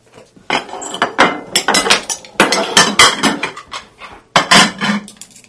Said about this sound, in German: Endlich waren alle fertig und fingen an, das Geschirr abzuräumen.